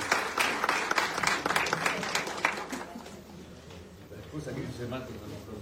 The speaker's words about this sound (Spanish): Está entregando el presidente del bloque legislador de Juntos Somos Río Negro, junto a esta ministra de Obras, recibe la señora intendenta Marta Ignacio. Fuerte el aplauso.